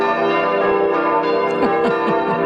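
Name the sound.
church bells ringing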